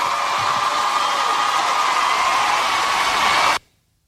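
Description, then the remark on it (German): A steady wash of applause from a large crowd, used as a sound effect, dense and even in loudness for about three and a half seconds, then cut off abruptly into silence. No one speaks. “Und dafür auch wieder schön, um den Soundeffekt wieder reinzubringen, nur Applaus.”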